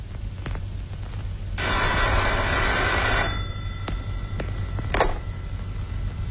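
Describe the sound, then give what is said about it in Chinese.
An old-fashioned telephone bell rings once in a loud, shrill burst of about two seconds, followed by a low hum and a few faint clicks. No one speaks. It is a call from Director Xu of the Zhongtong. “祖座，中统徐局长电话。”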